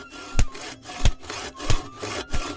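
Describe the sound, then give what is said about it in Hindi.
A saw cuts down trees on a village riverbank to make way for houses, in steady back-and-forth strokes, four rasping pushes about two-thirds of a second apart, each swelling loudly with a low thump, with no voices. “नदी के किनारे बहुत सारे हरे भरे पेड़ थे और अब घर बनाने के लिए वहां के पेड़ भी काटे जाने लगे।”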